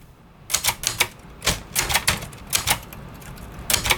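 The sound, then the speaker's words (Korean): Keys of an analog Korean four-set (nebeolsik) typewriter, made about 50 years ago, clack in a bookshop in quick, uneven bursts, sharp bright strikes with brief pauses between clusters, continuing steadily for several seconds with no voices. “여기에 타각타각 울리는 아날로그 타자기 소리까지 더해져서 책을 읽는 것은 물론이고 책을 만나는 과정까지 특별한 추억으로 만들어주는 공간입니다.”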